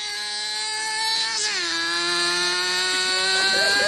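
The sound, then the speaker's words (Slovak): A car engine runs steadily and fairly loud throughout, a continuous droning hum whose pitch dips briefly partway through before settling again, with no voices. “To je moje auto.”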